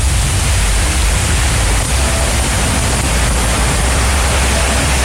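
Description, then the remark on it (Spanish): Heavy rain pouring down in a steady, dense, loud roar, with no pauses or voices for the whole stretch, in the coastal town of Constitución in the Maule region. “Tal cual llueve en la perla del Maule. Fuerte, ¿eh?”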